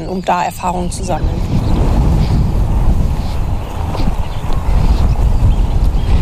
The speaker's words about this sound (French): Il y a beaucoup trop de vent!